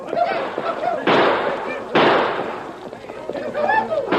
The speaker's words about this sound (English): The band of outlaws charged at the herd with guns roaring.